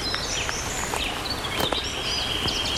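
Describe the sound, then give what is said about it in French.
Scattered high birdsong, thin whistles and quick chirps, drifts over the steady hiss of a small flowing stream, with no voices present. “Beaucoup de fleurs et de chants d'oiseaux.”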